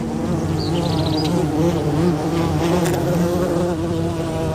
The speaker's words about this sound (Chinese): 这种蜜蜂的身体毛茸茸的，颜色鲜艳，不断地绕着它们的小群落嗡嗡作响。